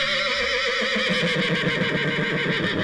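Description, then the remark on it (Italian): A horse's whinny, a loud, shrill, wavering neigh with two tones sounding at once, a classic case of biphonation, rising and trembling for nearly three seconds with no speech. “Questa no, è la bifonazione classica del nitrito dei cavalli.”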